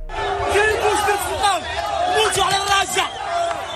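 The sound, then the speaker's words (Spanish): Thousands of migrants who reached the Spanish enclave of Ceuta from Morocco by swimming or jumping the border fence shout and cry out at once, loud and continuous, with overlapping rising and falling yells forming a constant roar throughout. “Lo que escuchamos al fondo son los gritos de miles de migrantes que han llegado nadando o saltando la valla fronteriza desde Marruecos hasta el enclave español de Ceuta.”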